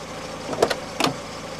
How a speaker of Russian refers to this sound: В то утро мой приятель Майк заметил меня и подъехал ко мне на своей машине.